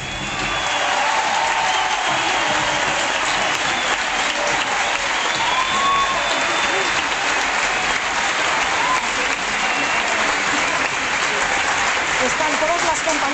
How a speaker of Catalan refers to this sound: Podem escoltar ara mateix l'última ovació del Johan Alexia. Arriba el moment del canvi.